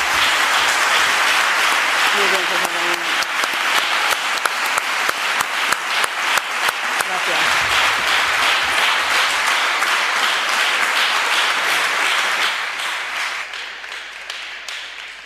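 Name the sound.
audience applause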